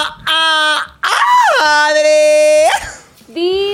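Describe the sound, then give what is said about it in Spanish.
Loud, high-pitched excited screaming in three bursts: a short shriek, then a long drawn-out cry that swoops down in pitch and holds, then another starting at the end. “Amo ese grito porque sé que vamos a poder conversar delicioso.”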